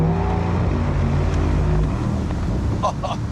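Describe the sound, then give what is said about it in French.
A V8 car engine idles after its selectable exhaust is switched open, giving a loud, deep, steady burble of low rumbling tones, with a couple of brief higher clicks near the end. “Là, je le ferme, tu m'entends plus, et là, je l'ouvre. Tu l'entends?”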